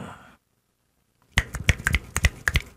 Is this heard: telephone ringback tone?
no